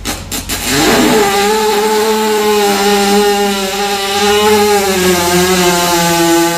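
A horse passes a long, loud, buzzing fart that drones steadily for several seconds with a slightly wavering pitch, sounding almost like a revving engine, with no voices.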